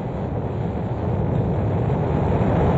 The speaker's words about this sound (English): Ignition sequence start. Engines on. 5, 4, 3, 2, 1. All engines running. Launch commit. Liftoff. We have liftoff at 9:34 a.m. Eastern Daylight Time.